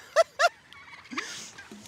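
Two loud turkey calls ring out in quick succession, followed by softer, scattered gobbling and clucking from turkeys on a farm meadow as they are being tended and given fresh water. No one speaks.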